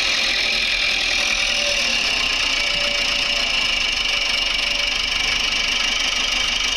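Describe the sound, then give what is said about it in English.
A small red tractor engine runs steadily, a loud, continuous mechanical drone with a rattling, knocking texture that stays at a constant level throughout, with no voices. “On his little red tractor.”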